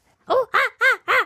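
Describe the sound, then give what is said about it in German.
A person imitates a monkey call with four loud, rhythmic hooting yelps, each a rising-then-falling vocal burst in quick succession, with no talking. “Gib mir mal dein bestes Affengeräusch.”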